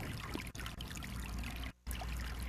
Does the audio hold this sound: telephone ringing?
no